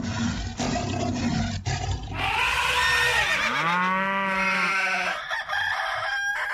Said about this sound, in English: I love the rooster in the end. Did you like that?